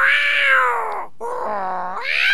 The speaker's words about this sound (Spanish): Oiga, me dice, ¿dónde está el gato, tía? Aquí anda el gato, nomás que pues ahora está enojado.